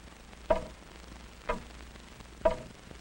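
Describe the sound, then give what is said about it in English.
A large hall clock ticks slowly and steadily, three resonant, evenly spaced ticks about a second apart, clear against a quiet hum. “The big clock in the hall went on ticking off its even measure of time.”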